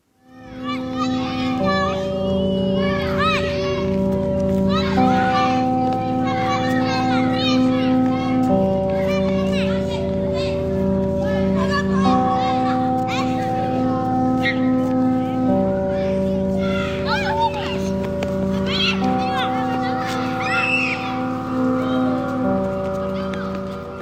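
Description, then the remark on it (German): In a recorded piece of music, children shriek and chatter in scattered high-pitched bursts. They are layered over a steady musical drone of sustained chords that shift every few seconds, continuous for about twenty-four seconds. “Höre ich das und denke, ja, es ist Sommer, da hört man ja Kinder irgendwie kreischen, da denkt man an Freibad und dann denke ich, ach guck mal, das ist so ein Produzent, der hat da so ein Knistern von einer Plattennadel reingebaut.”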